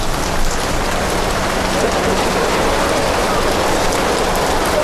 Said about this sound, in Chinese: 突然的暴雨给夜市按下了暂停键。 那早一点点效果都不足了，刚刚把粉一倒进去就开始下雨了。